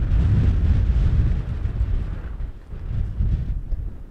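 Strong wind roars continuously across open upland peatland on an island, a heavy low rumble of gusts buffeting the microphone, easing slightly midway before surging again. No voices are heard.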